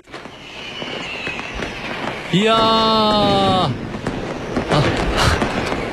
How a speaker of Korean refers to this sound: 정말 대포 팝콘이 터지고 있습니다. 정말 이야 그렇습니다.